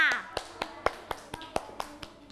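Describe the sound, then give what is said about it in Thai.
Children in a class clap their hands for group 2 in a steady, even rhythm, about nine sharp claps in quick succession, with a brief voice at the very start. “ประมือให้กลุ่มที่2ค่ะ”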